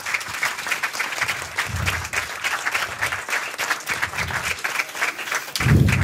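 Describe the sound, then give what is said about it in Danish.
An audience claps steadily for several seconds, a dense, even patter of many hands with no voices over it, swelling slightly louder toward the end, welcoming newly appointed Danish culture minister Zenia Stampe onto the stage. “Giv en lille hånd, nyslået kulturminister.”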